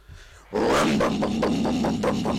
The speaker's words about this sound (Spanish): este es como 10 veces aumentado el volumen del Peugeot